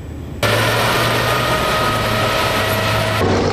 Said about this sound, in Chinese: 这里是海军陆战队多能杯2期精英擂台赛的比赛现场，正在进行的是铁甲突击项目，赛道上引擎轰鸣，现场战味十足。